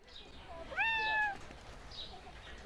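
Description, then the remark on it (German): A single short cat meow at the zoo in Aue during a guided tour, rising then holding its pitch for about half a second before stopping, with faint outdoor background noise around it. “Miau. Die Besucher, die hier eine Extraführung durch den Auer Tiergarten bekommen, kennen den Ruf.”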